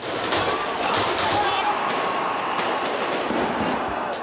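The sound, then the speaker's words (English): A few sharp, irregular cracks of gunfire cut through a dense, steady roar of a large stadium crowd, with shouting voices mixed throughout, after a chair was thrown during a scuffle at a VIP pavilion by the pitch where crowds waited for Raila's body. “A chair is thrown at the entrance, then gunfire.”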